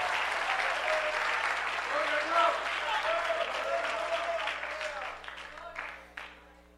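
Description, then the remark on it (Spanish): A church audience bursts into steady, dense applause for God during a Spanish-language sermon, with scattered cheering voices rising over it, holding strong for several seconds before gradually thinning and fading out. “Dale tu mejor aplauso a Dios.”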